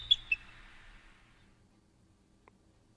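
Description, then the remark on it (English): A played recording of bird sounds: two sharp, high chirps right at the start, trailing into a soft fading twitter, then near silence with a faint tick. Quiet and with no talking. “These are just bird sounds.”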